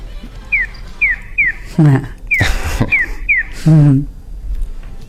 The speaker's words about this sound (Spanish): El gorjeo que escuchamos al principio, este pío pío, es el audio que se escucha en los semáforos que ayuda al peatón a saber de qué lado va a cruzar a qué lado. Es decir, el gorjeo es de este a oeste.